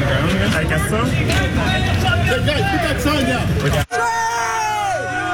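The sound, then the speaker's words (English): A loud, dense protest crowd on Bloor West in Etobicoke shouts and yells expletives at police officers over one another as a protester is taken away, angry voices overlapping, with a brief cut partway through before the clamor of shouting continues. “The protester taken away as several from the crowd yell expletives towards officers.”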